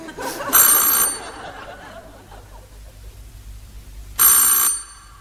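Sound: doorbell ringing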